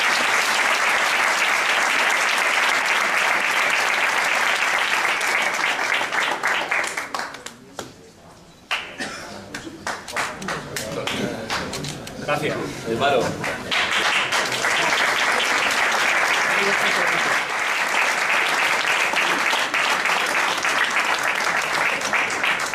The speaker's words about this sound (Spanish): Y este es un aplauso especial por eso.